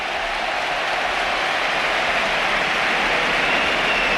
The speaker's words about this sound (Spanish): José Antonio Morante, 19 años, debuta en el costado izquierdo del Betis. Esta es la ovación.